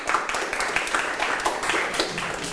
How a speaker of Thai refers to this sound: ถูกต้องครับปรบมือให้กลุ่ม3เลยครับ